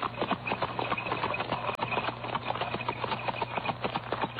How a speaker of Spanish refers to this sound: Subieron al herido alguacil y temblando, Eufemia azuzó a los caballos, alejándose. ¡Arre! ¡Arre!